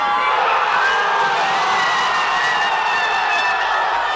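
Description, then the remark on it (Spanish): A dense, roaring crowd of Spanish football fans in the Canary Islands cheers continuously during Tuesday's World Cup semifinal, a broad wash of shouting and whooping voices with shrill tones riding on top, loud and sustained without a break. “Allí España y Argentina se juegan la estrella y la afición se prepara para darlo todo. Así sonó la semifinal del martes.”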